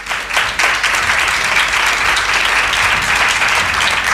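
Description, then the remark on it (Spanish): An audience breaks into sustained applause, a dense wash of many hands clapping at steady loudness for several seconds, continuous without any talking. “Te van a dar un aplauso”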